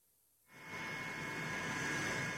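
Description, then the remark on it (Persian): An airplane landing: Russian President Vladimir Putin's plane touching down in Beijing, China; after a brief moment of quiet, a loud, steady jet roar with a high engine whine swells in and holds, with no voices. “فرود هواپیمای پوتین در بیجینگ، جایی که این روزها فقط یک پایتخت نیست، ایستگاه است که قدرت‌های جهان یکی پس از دیگری در آن توقف می‌کنند.”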